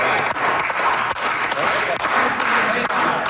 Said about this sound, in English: Well, tired applause in the Manitoba legislature.